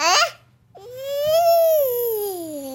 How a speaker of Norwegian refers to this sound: I veckan blev det stor uppmärksamhet när klassiska Stormen stördes på Royal Shakespeare Company. Skådespelaren Kenneth Branagh, känd för allt från en roll i Harry Potter-filmerna till sina Shakespeare-tolkningar, överröstades av en bebis i publiken.